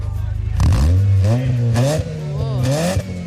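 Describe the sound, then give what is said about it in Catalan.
A car engine revs up from idle, its pitch climbing and wavering through several throttle blips, loud, with no talking over it. “El cotxe és inconfusible, no te confonguis de cotxe. Dóna-li gas, gas, gas.”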